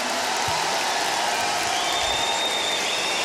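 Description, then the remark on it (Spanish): An audience claps steadily throughout for the performers of the Bafona on tour, a dense, sustained wash of applause with no pauses or voices standing out, holding at an even, fairly loud level for a few seconds. “Yo les quiero pedir un aplauso para mis compañeros que están aquí.”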